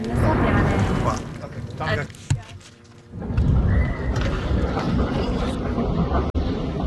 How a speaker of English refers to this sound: before we're interrupted by the sound of incoming jets.